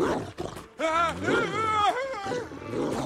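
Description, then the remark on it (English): A dog growls and snarls, a loud, rough, rumbling sound that rises and falls in pitch and carries on steadily for a few seconds after a brief opening noise. “I really wouldn't point that at the dog.”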